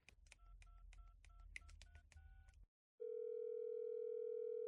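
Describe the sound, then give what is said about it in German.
A rapid series of short touch-tone beeps as a phone number is dialed to call a father, followed by a brief pause and then a steady, continuous tone on the line. “Ruf Papa an.”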